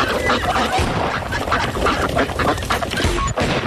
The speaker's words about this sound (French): On peut retourner du côté de la mare. Attention, on est dans la mare. On les entend encore plus. Oh, je vais m'approcher des canards pour qu'on les entende encore mieux.